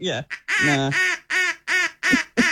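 A duck quacks loudly, a rapid run of about seven nasal, raspy calls in quick rhythm, the first few short and choppy, then steadier and evenly spaced.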